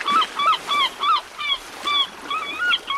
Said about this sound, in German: Ach, Wellenrauschen und Möwen sind für mich einfach der schönste Wecker.